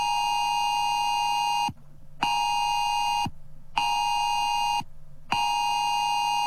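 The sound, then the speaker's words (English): A loud, piercing phone emergency alert tone of Australia's new Oz alert system, played as a drill, blares in four long, evenly spaced bursts separated by brief gaps, harsh and buzzy with no voices over it. “all around Australia, every phone is going to make this sound.”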